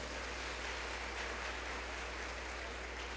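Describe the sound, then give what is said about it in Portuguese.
A crowd gives a round of applause welcoming visiting parish groups at a church gathering: dense, steady clapping that holds an even, fairly soft level for the whole stretch, with no voices over it. “Uma salva de palmas.”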